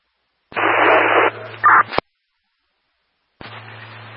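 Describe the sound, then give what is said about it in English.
Harsh bursts of radio static crackle and hiss for about a second and a half, cut off abruptly, then a quieter stretch of static returns after a pause of silence. “That was static.”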